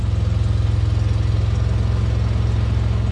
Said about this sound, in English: He's driving a small, boxy white Fiat with a ladder strapped to the roof. In addition to being cheaper, he says, it pollutes less, it smells nicer, and the car goes faster.